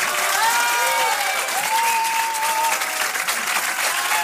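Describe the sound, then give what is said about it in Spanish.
Sustained, dense applause from a large crowd, steady and loud throughout, with faint whistles or cheering tones rising above the clapping; a warm farewell ovation from the Academia de Cine for José Luis Rebordinos, directing the film festival for the last time. “Y así recibía José Luis Rebordinos, que dirige por última vez el Festival de Cine, una cálida ovación de despedida por parte de la Academia de Cine.”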